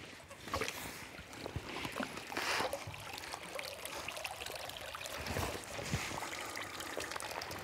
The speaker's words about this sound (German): Erstmal den Reißverschluss aufmachen, dann kann man den leicht aus dem Wasser rausheben. Dann kommt die Luft nämlich nach. So. Das ganze Wasser muss erstmal durch die ganz feinen Maschen durch. Also 8 Tonnen Wasser sind da drin.